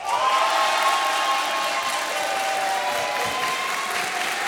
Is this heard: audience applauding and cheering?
yes